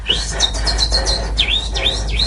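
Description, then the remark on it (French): A voice imitates little birds chirping, making a quick run of high, swooping tweets, about eight in a row, fairly loud with no talking. “En fait, les oiseaux, ils parlent en faisant des bruits d'oiseaux comme... Cucu. Faites-moi les petits oiseaux.”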